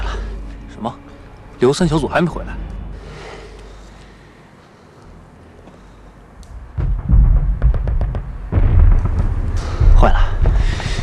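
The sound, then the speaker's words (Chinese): Gunfire and explosions from a fight with Japanese soldiers: a sharp burst early on, a rumbling lull, then a sustained stretch of repeated shots and heavy booming blasts, loud, rolling through the second half. “听枪声，一定是三哥他们和鬼子干上了。”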